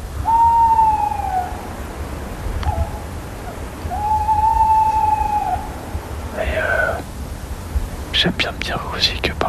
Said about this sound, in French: La chouette hulotte.